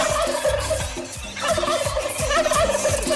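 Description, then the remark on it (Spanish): A turkey gobbles loudly, a rapid, warbling burst of throaty calls repeating over a few seconds with no one speaking. “Échele un buen pavo también a la arepa chirría. ¡Suénele pavo! ¡El pavazo!”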